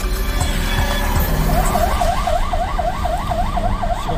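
A siren on a police car of the Dulongjiang border police station starts partway through during a flood evacuation, wailing up and down in a fast, steady cycle over a loud, constant rumble of engine and road noise.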